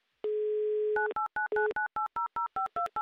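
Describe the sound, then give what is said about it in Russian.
A steady telephone dial tone hums for under a second as a host calls a participant in the "Автомобиль за улыбку" contest, then a quick, even series of about eleven touch-tone beeps follows as the number is punched in. The tones are clear and loud, with no voices. “я набираю ваш номер телефона.”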